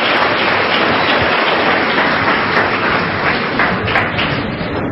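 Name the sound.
audience applause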